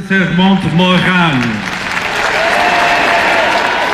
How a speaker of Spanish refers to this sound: Entre vítores y aplausos, el Papa recorrió Lourdes en papamóvil y visitó a una comunidad de carmelitas en una jornada marcada por nuevas muestras de fervor popular.